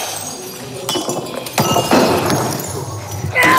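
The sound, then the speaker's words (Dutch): Repeated crashes of plates, vases, old computers, mobile phones and coffee machines being smashed in the Rage Room in Warnant near Dinant, Namur province; several sharp shattering impacts in quick succession with clinking debris, loud, with faint voices underneath. “U krijgt 15 minuten de tijd om alles in de kamer af te breken. Borden, vazen, oude computers, gsm's, koffiemachines enzovoort.”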